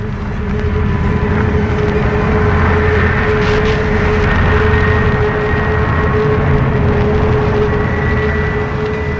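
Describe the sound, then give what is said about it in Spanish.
A large cargo jet roars down the runway on takeoff, a loud, steady engine rumble with a high turbine whine running through it for the whole stretch, no voices. “Observa desde aquella distancia cómo el enorme jet de carga inicia el despegue por la pista.”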